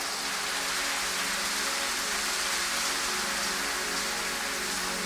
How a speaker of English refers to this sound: And are you clapping or you are doing something like clapping? Give the Lord a higher clap.